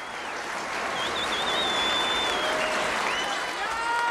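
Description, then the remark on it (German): Steady, dense applause and crowd noise, added afterwards to a studio recording made on 28 August 1962 at Studio Hamburg, fills the whole stretch, a continuous rushing clatter of many hands with faint whistles and voices mixed in, holding a fairly loud, even level throughout. “Der Beifall und die Publikumsgeräusche wurden nachträglich hinzugefügt.”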